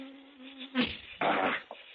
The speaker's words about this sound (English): Mosquitoes.